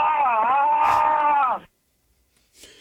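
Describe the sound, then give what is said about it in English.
A man lets out a loud, drawn-out scream on a 911 call recording, with a wavering, strained pitch, lasting about a second and a half before cutting off into silence. “then we pulled the audio and we were able to all have a good laugh at his screaming on the 911 call.”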